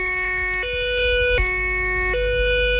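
An ambulance siren alternates between two steady pitches in a slow hi-lo pattern, switching about every three-quarters of a second, loud over a low rumble of traffic.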